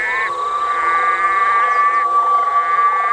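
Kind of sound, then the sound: animal, red-eyed green frogs calling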